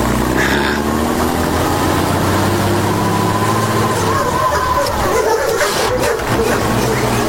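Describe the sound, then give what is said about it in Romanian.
A car engine runs steadily and loudly, a continuous low rumble with a faint rising whine partway through, holding level for the whole stretch, as the car's wheels stir up a cloud of dust. “Se destrămă norul de praf, stârnit de roțile mașinii ciudate, și a apărut ceata de copii ce o urmaseră.”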